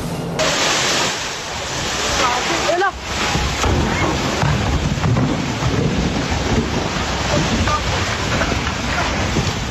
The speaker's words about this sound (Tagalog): ang lagundong ng mga bato nang gumuho ang bahagi ng bundok hanggang tuluyang matakpan ng makapal na alikabok ang lente ng kanyang camera.